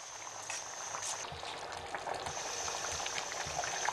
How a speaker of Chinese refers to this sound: 20分钟后，把木瓜挑出来，撒入大米，放小火焖煮一阵子。